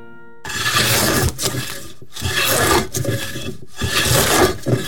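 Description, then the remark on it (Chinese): A wood carving tool, used by a woodcarver in Sanyi, scrapes across wood in about five long, rough, rasping strokes with short pauses between them, fairly loud and gritty, with no voices. “当自己专注在每一笔每一刀上，我听见生命的起舞。”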